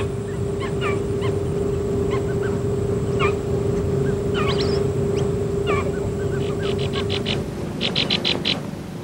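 Purple swamphen calls: scattered squeaky, nasal chirps and yelps, ending in a rapid run of high, repeated notes, over a steady low hum and rough background noise.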